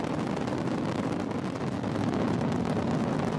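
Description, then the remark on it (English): A massive, steady roar of a SpaceX rocket at liftoff carrying astronauts to the International Space Station, all nine Merlin first-stage engines at maximum thrust of 1.7 million pounds, a dense rumbling, crackling wall of sound that stays loud and unbroken, with no voices. “All nine Merlin engines on the first stage at maximum thrust of 1.7 million pounds.”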